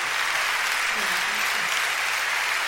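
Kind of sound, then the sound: crowd, audience applauding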